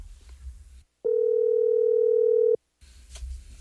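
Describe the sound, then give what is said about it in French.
A single steady, mid-pitched telephone ringback tone sounds for about a second and a half, loud and unwavering, then cuts off. Faint line hiss comes before and after it. “Ça sonne, là. Ça sonne.”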